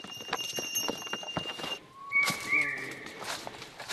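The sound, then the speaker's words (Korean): Hooves clip-clop steadily as a group of pack donkeys carrying heavy loads passes by on a mountain trail toward Tadapani, with a high jingling tone like a bell and faint voices in the background. “무거운 짐을 싣고 가는 당나귀 무리에게 길을 양보합니다.”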